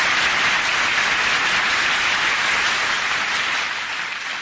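Steady audience applause fills the whole stretch, a dense hiss of many hands clapping at an even, loud level with no voices over it, easing only slightly near the end.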